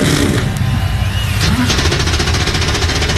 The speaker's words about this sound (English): 36 NASCAR Cup Series machines come to life on the pit lane. The Hollywood Casino 400 coming up next.